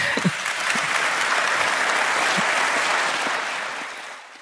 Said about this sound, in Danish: Ja. Det var nok også en af de større klapsalver på årsmødet.